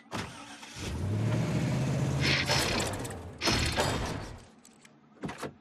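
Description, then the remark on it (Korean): A broken-down delivery truck's engine cranks and sputters unevenly, with a low droning rumble broken by rattling bursts and a couple of loud coughing pops before it dies off, followed by a short clunk. “하, 트럭이 고장 난 것 같네.”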